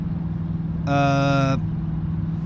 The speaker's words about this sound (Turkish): Anahtarsız bir arabayı sürüyorsun.